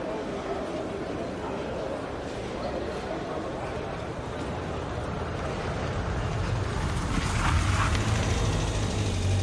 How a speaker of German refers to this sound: Ja, und wenn man noch ein paar Geräusche hinzufügt, so wie Schritte, Kleingeldgeklimper, ein Auto und eine Menschenmenge, dann könnte sich eine Hörspielszene so anhören.